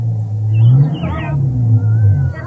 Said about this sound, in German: Er wendet sein Fahrzeug und fährt ins Dorf zurück.